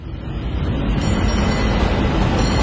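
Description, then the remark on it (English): A San Francisco cable car rumbles along, a steady, loud mechanical clatter and low roar that holds without a break. No one speaks. “Hear that? That's San Francisco calling. Hop the cable car, grab some sourdough at the wharf”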